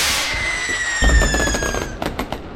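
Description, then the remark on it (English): Fireworks go off for the 4th of July: a high whistling shriek glides downward while a thick burst of rapid crackling pops erupts, ending with a few sharp, loud bangs. No one speaks. “I just found a bag of fireworks in the men's restroom. Would you guys like to light them off?”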